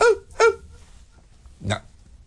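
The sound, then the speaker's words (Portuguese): A small dog yaps in quick, high-pitched bursts: two sharp barks close together, then a short pause and one rougher bark, with nothing else going on. “Late pra cacete, inferno.”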